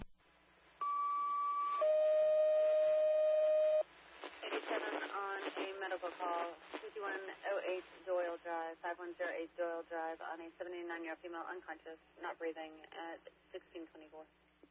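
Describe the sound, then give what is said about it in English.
Two steady electronic alert tones sound back to back over a radio channel, a higher tone then a lower one, followed by a dispatcher speaking through the narrowband radio, paging an engine to Doyle Drive for an unconscious, not-breathing 79-year-old woman. “Engine I had you ready, I'll be with that, but I had you at the wrong tones.”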